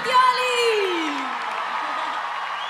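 A crowd cheers and applauds, with one loud whoop sliding downward in pitch early on, then a steady wash of clapping and shouts continuing at an even level.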